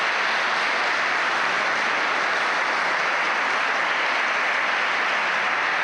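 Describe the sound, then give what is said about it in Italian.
An audience claps steadily for several seconds to thank a speaker, a dense, even wash of many hands with no pauses and no voices over it. “bel applauso, grazie.”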